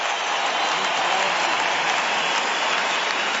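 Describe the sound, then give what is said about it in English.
A big stadium crowd on its feet roars and applauds continuously in an emotional show of support for Jai Arrow as he fights motor neurone disease, a dense, steady wash of clapping and cheering that stays loud throughout without any break. “Look at this crowd. They're all on their feet. Another roar from the crowd.”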